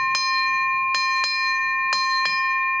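A ship's bell, struck to mark the running out of the sandglass, rings five times, a single strike followed by two quick pairs, each a bright metallic clang with a sustained high ring. No one speaks.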